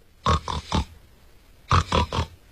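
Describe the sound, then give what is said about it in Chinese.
A voice imitates the short-rhythm, jumping snore of a sleeping man: two quick sets of three short, grunting, pig-like snorts, each set separated by a brief pause, fairly loud with no talking. “这人呢睡着了，刚才啊是这位打呼噜传出来的声音，他这个呼噜与众不同，别人打呼噜是一抽一吸，这位啊是短节奏跳跃式的呼噜。”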